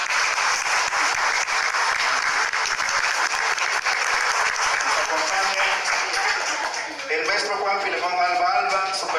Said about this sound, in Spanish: Fuerte los aplausos para ella.